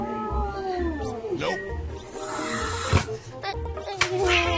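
A cat at an abandoned-dog shelter hisses at the puppy Tang-i in several short, sharp, fairly loud bursts, mixed with drawn-out yowling tones over a steady background of other sound.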